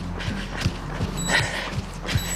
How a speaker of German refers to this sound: Man hört die Uhr piepsen.